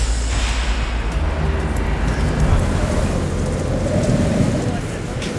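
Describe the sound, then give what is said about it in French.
Heavy wind buffets the microphone outdoors in a steady, roaring rush, with deep rumbling gusts swelling and easing throughout. “Je suis désolée, mais là, c'est vrai qu'avec le vent, Je vous entends à peine”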